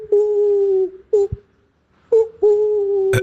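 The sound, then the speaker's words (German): A person imitates an owl in a voice message, with sustained, steady hooting tones: a long hoot, a short one, a pause, then two more hoots, ending in a brief sharp click. “Finde ich bisher eines der besten Eulengeräusche, die ich bekommen habe.”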